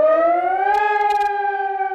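A civil defense warning siren on a mast on the roof of the fire department in Braunschweig wails loudly and steadily at 11 o'clock, its harmonic tone slowly rising in pitch and holding, with no voices over it.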